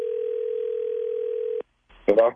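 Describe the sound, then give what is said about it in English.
A steady telephone dial tone hums for about a second and a half as a phone call is placed, cuts off abruptly, then a brief click and a short burst of voice follow. “Let's call him.”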